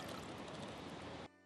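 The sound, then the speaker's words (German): Water pours into a bird bath on a rooftop garden in a steady splashing rush that cuts off abruptly after just over a second; no voices are heard. “Regelmäßig füllt er das Wasser nach.”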